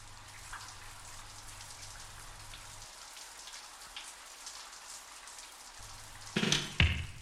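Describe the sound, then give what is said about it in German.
Steady rain patters against window glass, a dense spray of small drops with a low hum underneath, building to a few louder splashes near the end. “Hört sich das gut an oder hört sich das gut an, wenn der Regen so auf die Fenster plätschert?”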